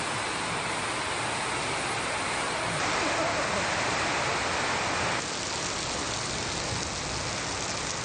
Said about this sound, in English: Wow, listen to that rain come down on this metal roof.